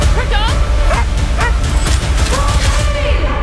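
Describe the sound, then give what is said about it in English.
Krypto, Supergirl's super-powered dog in the film Supergirl, barks and yips in quick, excited bursts over a loud, busy background of crashing, rumbling action noise, with sharp bangs mixed in. “And if you're a dog lover, you'll find Supergirl's super-powered dog, Krypto, absolutely cute.”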